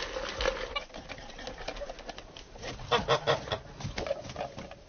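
Several geese honk repeatedly in a loose, overlapping chorus, with louder bursts near the middle, against a busy farmyard background of rustling and shuffling, on a farm that force-feeds about 20 geese and 35 ducks with maize.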